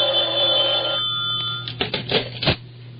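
A telephone bell rings loudly, a sustained metallic ring followed by a few short, clattering bursts before it stops. No one speaks.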